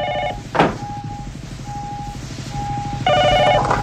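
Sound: telephone ringing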